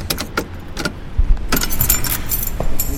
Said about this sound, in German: Ach, fuck, wo habe ich denn jetzt den verdammten Schlüssel? Warten Sie, ich helfe Ihnen.